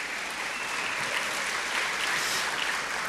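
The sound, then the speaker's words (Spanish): Steady, dense applause from a church audience for its host pastors fills the whole span, a broad hiss of many hands clapping at an even, fairly loud level with no voices on top. “Deme un mejor aplauso, hermano.”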